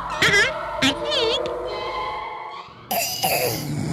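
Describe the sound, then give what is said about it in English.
Several harsh, phlegmy coughs burst out in quick succession, loud, with a few strained voiced sounds and throaty noises between the fits; a bad wet cough that has lasted about four weeks. “He got a bad wet cough.”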